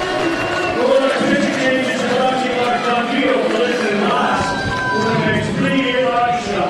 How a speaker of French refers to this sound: Alors, il est responsable pour les deux coureurs, mais les applaudissements pleinement mérités. Son meilleur départ de la saison, là, Lamson.